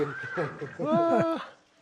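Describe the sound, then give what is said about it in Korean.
A donkey vocalizes, a loud, wavering series of nasal, rising-and-falling cries lasting under two seconds before trailing off. “액자에 얼굴을 내밀고 있는 것 같아요. 당나귀 같은데요?”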